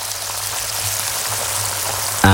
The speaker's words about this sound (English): This is the sound of a pair of 32-day matured, award-winning sirloin steaks cooking in pure Irish butter.